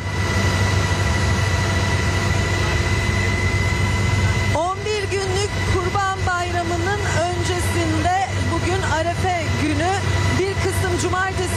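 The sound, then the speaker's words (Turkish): Loud, steady helicopter engine and rotor drone fills the cabin of a gendarmerie helicopter carrying out traffic inspection before the Kurban Bayramı holiday, a constant droning hum with tonal whine; after a few seconds a person starts talking over the unbroken mechanical noise. “denetimin yapıldığı o helikopterde bizleri bekliyor”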